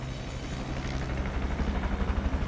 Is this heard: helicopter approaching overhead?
yes